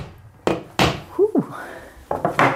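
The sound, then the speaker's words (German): Hammer blows knock a nail into a wall: a few loud, solid thuds spaced irregularly, a brief wobbling ring in the middle, then a quicker cluster of three strikes. No voices. “Und packt es gleich aus, greift zum Hammer und schlägt einen neuen Nagel in die Wand.”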